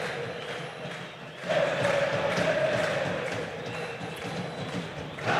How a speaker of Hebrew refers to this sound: גם בתקופות הכי קשות, צועק הקהל של ביתר ירושלים, הם היו שם.